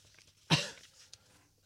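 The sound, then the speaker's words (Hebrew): A single sharp cough bursts out loudly, then trails off, followed by a faint brief throaty sound; the speaker keeps coughing repeatedly. “חבל שאני משתעל כל הזמן.”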